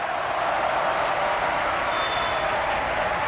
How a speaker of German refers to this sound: Dieser Applaus gebührt dem Einäugigen mit Speer. Nicholas Brownlee. Als Wotan in der Walküre hat er sein Debüt gegeben.